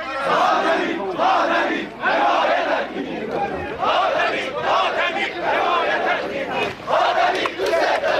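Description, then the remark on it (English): A large crowd in Iran chants "Khatami, we love you" in unison for President Mohammad Khatami: loud rhythmic bursts of many voices repeating roughly every second, with shouting that swells and dips between phrases. “we love you, the crowd shouts.”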